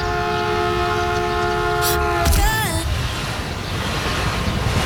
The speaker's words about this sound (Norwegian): Det nemlig noen som da glemmer å stå bak den gule streken på perrongen. Og det dumt, fordi når toget da kommer, så får man vondt.